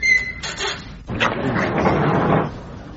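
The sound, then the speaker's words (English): A door is pushed shut: a brief high squeak at the start, then a dull, scraping rumble that swells for about a second and ends without a sharp bang. No one speaks. “You be the last in, and close the door behind you.”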